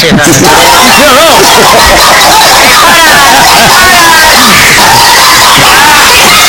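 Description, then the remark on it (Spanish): A crowd of the speaker's children shouting and yelling all at once, heard when a room door is opened: a loud, unbroken din of overlapping high-pitched voices, with whoops and cries rising out of the babble throughout. “Claro, si fuman no gritan de esa forma”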